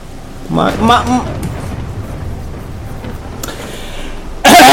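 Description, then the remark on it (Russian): Steady rain hisses throughout while a man speaks briefly near the start, and a sudden loud crack of thunder bursts in right at the end. “Если меня молния не ёбнет.”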